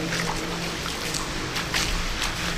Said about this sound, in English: And we're still splashing through, I suppose, a couple of inches of water.